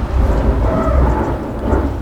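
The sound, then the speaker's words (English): A deep, continuous rumble of thunder rolls through steady, torrential rain in a thunderstorm, loud, with a dense low roar and no voices. “Can you guys hear that thunder?”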